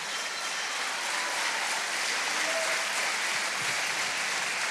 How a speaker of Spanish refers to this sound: Démosle un aplauso para alabar al Rey de Reyes.